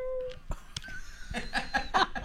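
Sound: cat meowing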